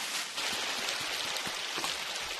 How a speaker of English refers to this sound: Whoa! Wow! It's a little stream of water. What a pretty sound. Splish, splish, splash. Yeah, that sounds very relaxing.